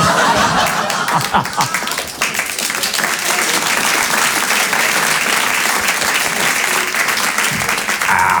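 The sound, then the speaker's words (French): Steady applause from an audience fills the whole stretch, dense and continuous, with a bit of laughter mixed into the clapping. “merci pour le solo d'applaudissement”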